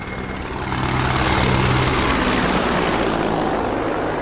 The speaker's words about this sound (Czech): To byl průlet vrtulníku a teď už může začít samotná přísaha.